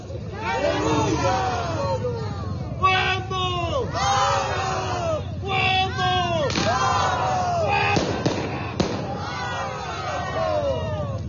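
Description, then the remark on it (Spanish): A large crowd of social organizations from the province of Eduardo Barroa shouts and chants together on a Monday, arriving to hold an open town council and demanding the government's resignation, in loud, overlapping waves of voices, with rhythmic bursts of yelling and a few sharp pops or bangs cutting through the steady roar. “Bueno, esas son las palabras de grito de las organizaciones sociales que piden la renuncia de este actual gobierno que está administrando mal con toda crisis que está pasando en nuestro país.”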